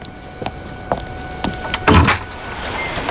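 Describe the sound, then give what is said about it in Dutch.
A series of sharp knocks on a door, irregularly spaced, with the loudest thump near the end, heard alone without any voices. “Oh nee, er wordt geklopt.”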